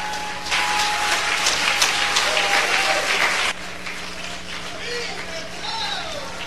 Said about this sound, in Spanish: Te le da un aplauso a Cristo y yo sigo.